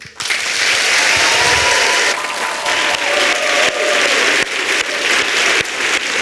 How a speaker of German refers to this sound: Vielen, vielen Dank und großen Applaus